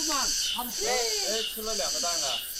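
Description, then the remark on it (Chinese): A cobra over 1 metre long hisses in a steady, continuous breathy rush that runs the whole time, in a chicken coop beside a feeding trough, while voices talk over it. “对， 好大一条眼镜蛇， 是吧？”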